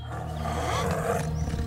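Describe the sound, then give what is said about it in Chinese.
A deep, rumbling tiger roar fills the whole moment, loud, a continuous throaty growl with no talking over it, as the tiger comes up to a man carrying his bundle of firewood in its mouth. “董凤又摔倒了，这次老虎走到董凤跟前，嘴里还衔着他的那一捆柴。”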